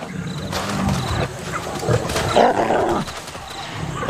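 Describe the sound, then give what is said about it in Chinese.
Two young male lions of the Nga pride roar and snarl as they force their way into a kill site, in loud, rumbling bursts that rise and fall over a few seconds, with deep throaty growls running underneath and no voices present. “两头年轻的恩加雄狮强行闯入杀戮现场。”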